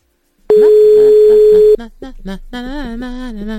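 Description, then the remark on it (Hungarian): A loud, steady telephone dial tone of an outgoing call to a building's common representative hums for just over a second, then cuts off abruptly as a voice begins talking. “Most a közös képviselőt hívjuk.”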